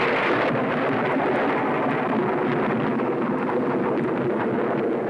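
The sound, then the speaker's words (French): A deep, continuous rumble of thunder rolls on steadily for several seconds, dense and noisy with no clear breaks or sharp cracks, and no voices. “Ouais, c'est au tonnerre que je pensais, t'as gagné.”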